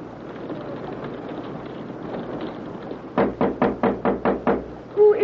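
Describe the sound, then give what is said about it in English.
A rapid series of about eight firm, loud knocks on a door, following a few seconds of low background rumble and hiss. “can I come in? One moment until I unlock the door.”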